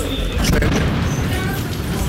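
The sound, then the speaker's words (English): A heavy, rumbling explosion rolls through, not far away, with a dense low-frequency roar and scattered crackling bursts of air defense fire in the background, sustained for the whole moment. “There's another explosion, and we also can hear a little bit of air defense going off.”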